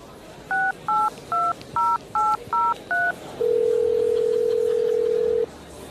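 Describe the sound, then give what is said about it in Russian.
Seven quick, evenly spaced touch-tone beeps as a grandfather's telephone number is dialed, followed by a long steady tone on the line. No one speaks. “Придется рассекретиться и позвонить деду.”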